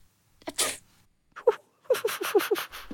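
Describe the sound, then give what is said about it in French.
A single sharp sneeze bursts out in a dusty attic, then after a pause a rapid string of short, high voiced puffs follows, like quick gasps or little giggles. No one speaks. “C'est toi qui viens d'éternuer?”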